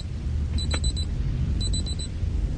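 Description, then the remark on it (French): Someone mimics an alarm clock live with their mouth, without any tricks: two quick bursts of four high, shrill beeps, separated by a short pause, over a steady low rumble. “Écoutez, je vais vous faire le bruit du réveil avec ma bouche.”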